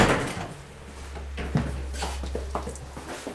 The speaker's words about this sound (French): Là, on est du côté français. Oui. On va franchir la porte. La première porte, donc du sas, la deuxième porte, et là on est toujours en France. En revanche, en effet, juste en face de nous, il y a une troisième porte.